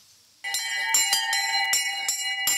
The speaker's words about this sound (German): Wenn die Glocken klingen, ist Luis Greta einfach nur glücklich. Diesen Glockenstuhl hat der 14-jährige Dettenheimer selbst gebaut.